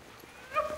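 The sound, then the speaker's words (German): Sled dogs on a dog-sled tour bark briefly in a forest in Estonia's wilderness, a short faint yelp rising out of quiet forest ambience before fading again. “Ungewöhnliche Rufe schallen durch den Wald. Seit einigen Jahren sind Hundeschlittentouren der Renner in Estlands Wildnis.”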